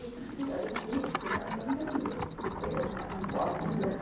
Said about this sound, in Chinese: 在后城鸣虫博物馆里，大黄鹂和蛐蛐的叫声彼此应和着，闭上眼睛 仿佛回到小时候夏日夜晚，躺在草地上仰望星空的情景，让人一下子放松下来。